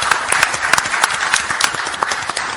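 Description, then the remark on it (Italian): An audience applauds steadily, many hands clapping in a dense, continuous patter with sharper individual claps popping out throughout. Fairly loud, with no voices over it. The applause welcomes Senator Lucio Malan as he is given the floor at an event. “Diamo la parola al senatore Lucio Malan, che accogliamo con un applauso, grazie.”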